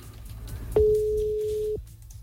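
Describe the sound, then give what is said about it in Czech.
A single loud, steady telephone busy-tone beep lasts about a second, set against a low background hum after a call cuts off. “A teď to vypadlo.”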